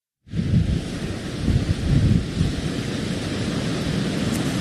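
Heavy storm-surge waves and gusting wind roar steadily along a shoreline on Kauai, rising water carrying debris and flooding, a dense, continuous rumble of crashing waves with no voices, loud throughout.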